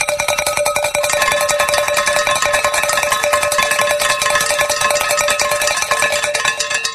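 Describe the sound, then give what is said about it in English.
Bright metallic bells ring rapidly and continuously, a dense, loud clangor of overlapping high-pitched tones with steady rhythmic strikes and no voices. “And as I like to say, when the bells are ringing, the angels are singing.”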